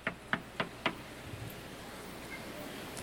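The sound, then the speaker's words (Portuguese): Four firm knocks on a door in a steady, evenly spaced rhythm, followed by a few seconds of quiet room tone. “Enquanto eles estavam comendo, enquanto eles estavam se alegrando, os homens daquela cidade começaram a bater a porta.”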